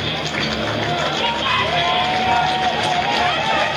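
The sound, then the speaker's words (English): A big baseball stadium crowd roars steadily during the third inning, a dense wash of murmuring and cheering voices that holds at a fairly loud, even level from start to finish. “Crowd making some noise here in the third.”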